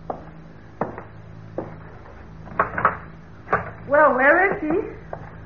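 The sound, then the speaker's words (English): A door being opened for someone at the door, with a series of sharp clicks and wooden knocks from the latch and handle, followed by a short burst of voices talking. “Aren't you going to open the door?”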